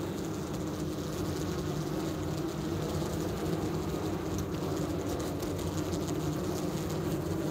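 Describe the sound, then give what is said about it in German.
A steady, dense drone of about 3,000 honeybees on a single comb buzzing inside a small, wired-up hive box, a low continuous hum with a faint airy hiss above it, unbroken and fairly even throughout, with no voices. “Und das Schöne ist, wir haben die Bienen bei uns auch verkabelt. Wir können tatsächlich mal reinhören. Hören Sie mal, wie das klingt.”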